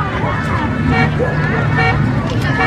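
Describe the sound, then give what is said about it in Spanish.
A car horn honks on a busy street, its tones blending into steady traffic noise and the babble of a crowd, all fairly loud and continuous. “Ahí está tocando bocina.”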